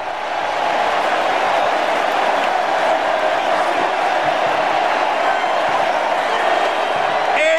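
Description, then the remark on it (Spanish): A huge stadium crowd at a World Cup match roars with sustained applause and cheering as Leo Messi leaves the field, a dense, loud, unbroken wall of noise with scattered whoops that holds steady for the whole stretch, with no voices standing out. “Hay que callarnos para escuchar porque Leo Messi va a salir del campo y también nosotros vamos a aplaudir.”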